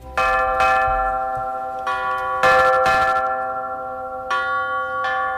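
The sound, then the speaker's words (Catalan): Bells of the Sagrada Família in Barcelona ring out in an irregular sequence of strong strikes, each tone lingering and overlapping the next in a rich, sustained metallic peal, loud, with no voices. “Ni una, ni dues, ni tres, ni 20, ni 40, sinó 84 campanes per façana va preveure Gaudí per la Sagrada Família.”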